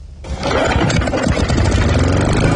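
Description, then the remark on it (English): A lawn mower engine catches and roars to life, then keeps running at a steady, loud, rumbling idle, with no one talking. “It's getting to that time of year where you have to start mowing the lawns once a week.”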